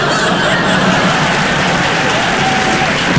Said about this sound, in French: Et vous pourrez nous applaudir.